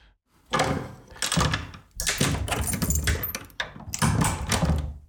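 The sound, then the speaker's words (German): A door sound effect: keys jangle and rattle in several bursts, a lock clatters and a door handle thunks, fairly loud, with no talking. “Ach so, haben wir denn noch eine Tür? Kann man da einfach drauf drücken?”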